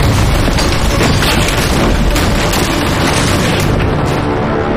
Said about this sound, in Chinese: 连山铜铜质坚硬，一旦被符火雷霆炸开，炸飞的碎片更是能大幅度增加爆炸的杀伤力和反应。